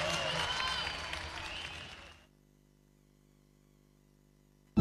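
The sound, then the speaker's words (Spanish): Audience applause for the Sentíes company, a dense crackle of many hands clapping, fades out after about two seconds, leaving silence until a brief loud sound cuts in at the very end. “aplauso, compañía Sentíes.”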